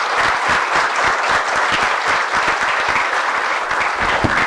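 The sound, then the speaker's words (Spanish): Sustained applause in a church for the children of the Infancia Misionera group and children's choir, a dense, steady wash of many hands clapping at even loudness for several seconds with no speech over it. “Un fuerte aplauso a la Infancia Misionera.”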